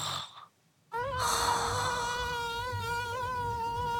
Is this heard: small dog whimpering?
no